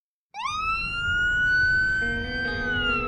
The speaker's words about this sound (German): Wenn die gelben und weißen Transporter mit rotem Davidstern-Logo losfahren, mit heulenden Sirenen und blinkenden Lichtern, sind die Retter der israelischen Rotkreuzgesellschaft Magen David Adom im Einsatz.